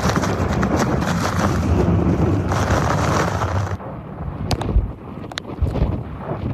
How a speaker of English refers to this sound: You know what? These are the worst winds that we've gotten all night.